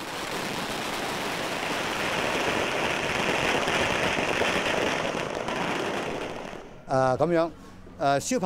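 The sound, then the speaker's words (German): Long strings of firecrackers crackle in a dense, rapid, continuous barrage for several seconds, loud, then stop abruptly as a voice begins speaking. They are set off at the Ama Temple as a worship ritual for the sky goddess Ama. “Normalerweise sollen Böller die bösen Geister vertreiben. Aber dieses Feuerwerk ist ein einziger Freudenknall für Ama.”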